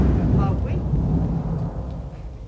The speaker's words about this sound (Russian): Район подвергается артиллерийскому обстрелу.